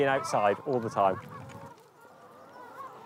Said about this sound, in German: Die Higgins-Hühner versorgen mittlerweile die ganze Insel mit Eiern.